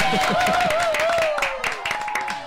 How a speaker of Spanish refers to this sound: No, no son estos aplausos, ¿eh? Es que están, se han quedado en loop.